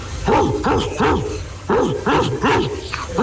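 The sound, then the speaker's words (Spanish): A person imitates a small dog, giving quick yappy barks in two bursts of three, each with a rising-falling arched pitch, loud, with a slight echo. “Y hace como el perrito de guión.”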